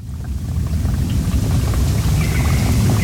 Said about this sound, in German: Im Wald oberhalb von Lenzburg plätschert ein kleines Bächli. Das Wasser kommt von einigen Quellen weiter oben. Ein normaler Waldbach, könnte man sagen, wenn dort nicht vier Sperren wären, vier Biberdämme.